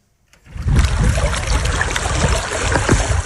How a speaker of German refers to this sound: Es ist ein skurriles Bild. Wasser umspült Grabsteine am Lipno-Stausee im Süden Tschechiens. Wir stehen hier an der Mauer des einstigen Friedhofs, der 1899 in Dolní Vltavice gegründet wurde,